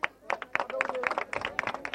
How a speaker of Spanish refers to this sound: fuerte los aplausos